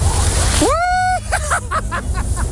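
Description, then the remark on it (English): Rushing, splashing water as someone slides down the Gravelly Farm slip and slide, a water slide on a farm, on a rubber ring after climbing the 35 steps to the top. It is loud, with a long excited whoop and more happy yells over the steady wash of water. “I now have my rubber ring, and I've climbed the 35 steps to the top. 3, 2, 1, go!”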